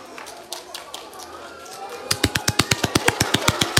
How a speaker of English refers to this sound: Ready for a clap? Would you like another one? Fine, they're free. Now I'm going to give you lots of claps now.